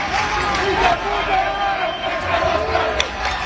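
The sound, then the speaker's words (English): A dense crowd of hundreds of far-left Catalan separatist protesters in Barcelona roars and shouts continuously, rallying and clashing with police during Catalonia's National Day, with overlapping voices, yells and chaotic babble at a steady loud level; some throw items at police cars and a bin is set on fire. “The sounds of hundreds of far-left Catalan separatist protesters rallying and clashing with police during the region's National Day.”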